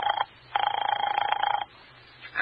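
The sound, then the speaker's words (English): A telephone rings unanswered down the line in thin, trilling bursts, one long ring of about a second between clipped fragments, with brief quiet gaps and no one speaking. “Doesn't he answer?”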